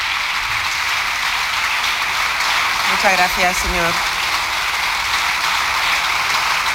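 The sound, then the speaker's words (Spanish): A long, steady ovation of many people clapping in a parliament session fills the whole stretch with a dense, even hiss, while a voice briefly speaks over it midway through. “Larga ovación.”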